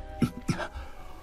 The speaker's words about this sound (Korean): 도솔 스님이 굴 밖에 나오자 그곳엔 호랑이 한 마리가 입을 벌린 채 울고 있었습니다.